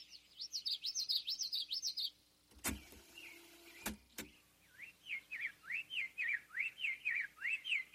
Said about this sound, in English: And boom! Oh my God, there's twice as many, three times as many birds in the forest singing now as I had perceived. There's this flood of birdsong going on, and I'm detecting a very small part of it.